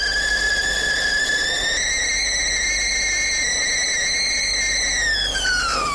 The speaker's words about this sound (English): I better make my cup of tea first. I'm sure you've got yours ready. Let me get that kettle on.